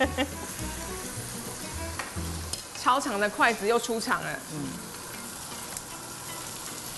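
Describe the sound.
Tofu skin sizzles steadily in hot oil with a dense, crackling hiss that runs throughout, while a voice speaks briefly over the frying partway through.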